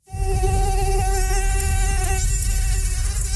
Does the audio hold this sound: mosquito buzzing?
yes